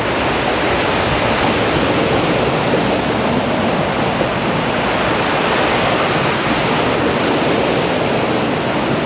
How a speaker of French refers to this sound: Le vent et les vagues se mélangent. Se mélangent si bien.